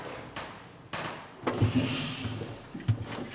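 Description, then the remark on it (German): An old drum elevator without a counterweight, still nearly in original condition, has its door pulled shut and latched by hand: a sliding scrape ending in a solid clunk, followed by a second latching knock. “So, Türen müssen wir von Hand verriegeln.”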